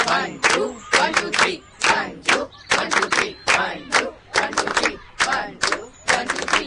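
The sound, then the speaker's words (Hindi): Sharp hand claps repeat in short rhythmic groups, a couple of quick claps followed by a cluster of three, fairly loud, continuing steadily throughout. “हम ऐसे ताली बजाएंगे ना, एक दो, एक दो तीन।”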